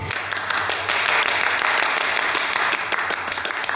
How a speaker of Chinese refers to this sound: 鼓掌。